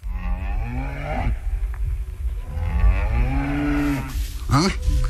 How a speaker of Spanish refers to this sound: Ajá. Ahí está la vaca.